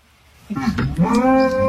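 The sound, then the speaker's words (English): On a farm, a herd of cows in a field moos in reply to a golden retriever: a drawn-out, fairly high-pitched moo swells and holds steady for over a second, clear, with a voice-like quality that almost sounds like a person imitating a cow. “And there's the cows replying to her.”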